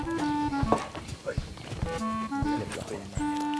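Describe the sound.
Horse hooves clop at a slow walk during a beginner horse-riding lesson with an instructor, a handful of uneven thuds spaced across a few seconds, with voices talking over them.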